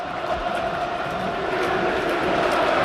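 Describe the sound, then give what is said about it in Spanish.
A large stadium crowd at El Sardinero in Santander, Spain, roars in celebration after Andrés Martín's goal for Racing de Santander, a dense, continuous wall of cheering that holds at a steady, loud level throughout, with no single voice standing out. “Se juntó el gol de Andrés Martín con los 2 tantos de Las Palmas y podéis escuchar, esto es una auténtica fiesta.”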